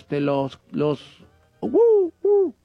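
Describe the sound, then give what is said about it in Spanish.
A person imitates an owl: two short voiced calls, then two loud, drawn-out hoots that rise and fall in pitch, with brief pauses between them. “Los búhos están en las paredes, yo agarré a uno”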